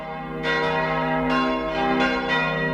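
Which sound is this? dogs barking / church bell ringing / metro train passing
church bell ringing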